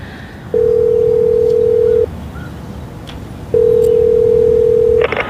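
Two long, steady phone ringback tones, each about one and a half seconds, separated by a pause, heard clearly over faint background hiss while a call waits to be answered.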